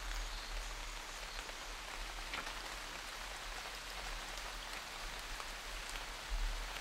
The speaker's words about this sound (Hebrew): נראה לי שהיום ככה לכבוד החורף שהגיע, אנחנו ככה נתחבר לצלילים של הגשם. הגשם נורא נורא נורא מרגיע. אז נשים לנו קצת צלילים של גשם.